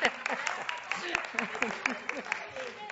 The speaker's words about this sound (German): Dürft ihr auch klatschen? Das war ein Dankeschön.